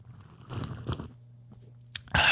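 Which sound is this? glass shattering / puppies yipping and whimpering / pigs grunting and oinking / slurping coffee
slurping coffee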